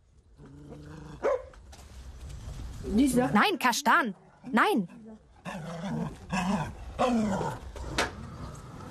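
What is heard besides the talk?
dog barking and growling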